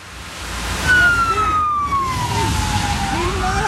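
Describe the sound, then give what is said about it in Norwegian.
The siren of a Norwegian police emergency response unit's black SUV wails with a long, slowly falling tone over rumbling engine and road noise as the vehicle drives into a campsite, loud. “Sånn bil ser ikke så ofte i Norge. Det hadde jo forstått Delta-troppen som kom.”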